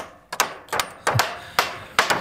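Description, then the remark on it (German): Sharp hammer blows ring out outdoors as browse-protection fences are finished at a forester's district in Dreiannenhohne in the Harz, Germany: about five or six strikes at an irregular, working pace, each a crisp metallic impact with a short ring-off. No one speaks. “Wir haben es gerade gehört bei MDR Sachsen-Anhalt, beim Revierförster in Dreiannenhohne, da werden Verbisschutzzäune fertig gemacht”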